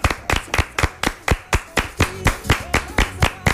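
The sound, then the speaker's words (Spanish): Steady rhythmic clapping, about fifteen sharp, even claps at a brisk regular pace, loud and crisp with no talking over it. “Todo el contenido que tenemos es aplauso.”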